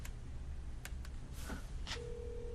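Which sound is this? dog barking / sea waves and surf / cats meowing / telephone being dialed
telephone being dialed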